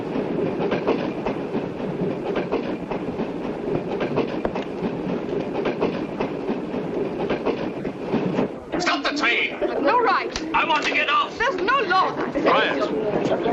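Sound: moving train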